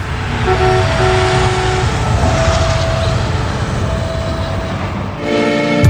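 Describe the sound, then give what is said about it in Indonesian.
A train rumbles past a level crossing with a steady heavy roar, its horn sounding in sustained tones, then blasting louder near the end. “Iya dong, jadi masih mau menerobos palang pintu kereta api.”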